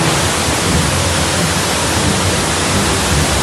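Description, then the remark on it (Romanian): A loud, steady roar of rushing floodwater after a storm in the resort town of Bușteni, turning streets into rivers, dense and unbroken for the whole stretch with no voices over it. “În doar câteva minute, Viitur a transformat străzile în râuri.”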